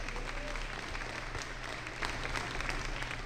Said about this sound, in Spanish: Aplausos para Cristo Jesús.